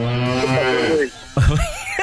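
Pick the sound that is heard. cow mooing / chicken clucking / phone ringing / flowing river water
cow mooing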